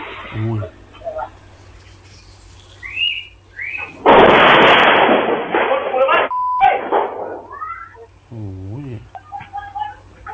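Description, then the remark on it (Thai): A small plane crashes into a grassy field beside villagers' houses in Huai Yai subdistrict, Bang Lamung district, Chonburi province, with a sudden, loud explosive roar lasting about two seconds, preceded by short descending whistling tones, with people's voices heard before and after. “ไปที่บางละมุงชลบุรีค่ะคุณผู้ชมคือชาวบ้านตกอกตกใจจู่ๆก็มีเครื่องบินเล็กอะค่ะพุ่งถลายลงมาตกกลางพงหญ้าคือตอนนี้เจ้าหน้าที่กำลังเร่งหาสาเหตุนะคะว่าเครื่องบินนี้ตกได้ยังไง”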